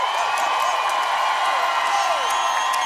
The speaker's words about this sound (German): Kann ich bitte einen riesengroßen Applaus haben für